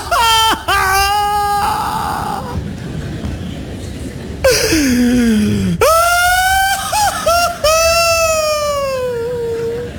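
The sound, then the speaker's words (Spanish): A voice imitates the loud, anguished wailing and sobbing of the biblical Joseph: long, strained cries rising and breaking, with gasping catches between them, continuing intensely for about ten seconds with no words. “La Biblia narra que fueron alaridos que resonaron por todos los rincones del palacio. Gemidos catárticos, hizo catarsis.”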